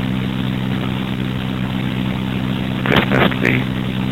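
A heavy diesel engine drones steadily with a low rumbling hum, then a couple of short clanking, scraping bursts of machinery break through near the end, as garbage trucks do sanitation work.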